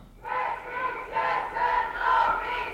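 A large crowd chants in unison at a feminist street demonstration on Steinberggasse in Winterthur on 13 June, in sunny, slightly windy weather, voices rising and falling in steady rhythmic waves about every second, loud and continuous with no single speaker standing out.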